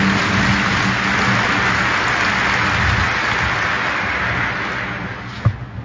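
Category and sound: crowd, applause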